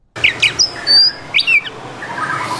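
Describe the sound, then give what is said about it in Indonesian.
Bright, high-pitched songbird chirps and whistled notes of a caged, farm-bred white-rumped shama (murai batu) come in quick bursts, fairly loud, over a steady background hiss with no talking. “Bisa Bang jelaskan, Bang, apa saja perawatan yang diberikan, Bang, untuk tiap harinya, Bang, untuk murai batu ini, Bang?”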